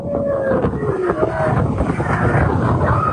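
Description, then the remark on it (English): The Thunder Run roller coaster at Canada's Wonderland amusement park rushes by with a loud, steady roaring rumble like wind, and a thin whining tone that slides downward in pitch partway through. “when at the Thunder Run coaster, she was welcomed as the park's 1 billionth rider.”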